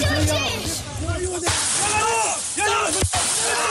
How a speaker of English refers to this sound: family members film scowling teenagers smashing the metal gate. Again and again with large sticks.